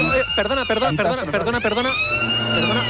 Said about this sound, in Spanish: Es que se acaba el concurso porque está sonando la sirena, pero no suena normal. Está sonando aquí en el colegio tres veces y esto es un poco raro.